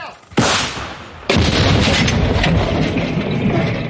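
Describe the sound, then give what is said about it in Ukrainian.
A Soviet-design artillery gun of the 67th Brigade fires a shell at enemy forces in the Donetsk region: a sudden heavy boom, then a second loud blast about a second later that rolls into a sustained, rumbling roar. No one speaks. “Ну, власне, ще один снаряд полетів на голови окупантів.”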